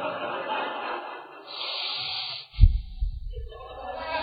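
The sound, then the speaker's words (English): Heavy, angry breathing through flared nostrils, apparently a voice imitating it: a long hissing exhale, then a short, forceful snorting burst, fairly loud, with no words spoken. “The nostrils flared. You can just hear that breathing.”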